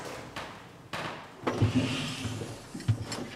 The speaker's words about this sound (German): So, Türen müssen wir von Hand verriegeln. Zack, so.